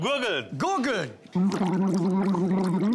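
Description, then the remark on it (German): A voice hums a few gliding notes of film music, then breaks into a steady, bubbling gargle that holds one pitch for a couple of seconds, loud and rough-textured. “Gurgeln.”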